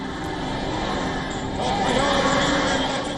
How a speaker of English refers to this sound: But grief is sharing space with defiance. At the funeral, familiar chants of death to America echoes through sections of the crowd.